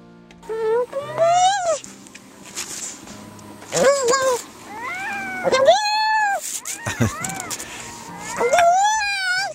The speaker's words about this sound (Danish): Jeg vil jo umiddelbart have sagt, det lyder som en eller anden syg kat. Ja, det kunne det godt lyde som, men det er en sælunge, der er ked af det. Den kalder på sin mor.